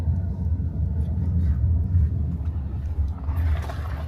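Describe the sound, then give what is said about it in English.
Steady low engine drone and road rumble fill the inside of a moving police car on a routine patrol through an area of Roma settlements, continuous and fairly loud, with a slight brighter swell of tire or wind noise near the end. “We are in the car right now.”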